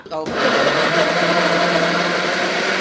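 A blender whirs steadily, puréeing coarsely chopped tomatoes with a dense, even motor drone that starts abruptly and holds at a constant loud level with a faint buzzing hum.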